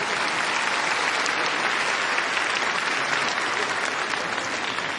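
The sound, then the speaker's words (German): A full audience applauds steadily for Ludwig van Beethoven, a dense wash of many hands clapping at even loudness for the whole stretch, with no voices breaking through. “Einen großen Applaus für Ludwig van Beethoven.”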